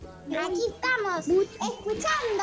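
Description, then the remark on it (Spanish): Lively voices of young children playing and chattering at a festival, with rising and falling pitch, in several quick bursts over a faint background hum. “Los niños jugando, son despiertos los niños ahora.”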